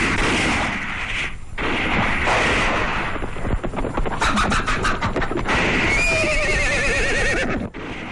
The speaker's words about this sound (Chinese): 外面传来枪声，鬼子来了。